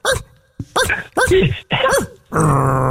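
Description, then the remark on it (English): A puppy growls in four short, rising-and-falling bursts, then lets out a longer, steady growl at the end, fairly loud with brief pauses between. “The puppy loves you guys.”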